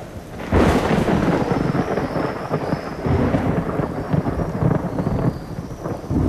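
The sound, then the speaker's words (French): A torrential downpour of rain with hailstones, falling in very hot weather, roars steadily and loudly from start to finish, a dense drumming wash with deep rumbling underneath and no voices. “C'était de la pluie avec des grêlons.”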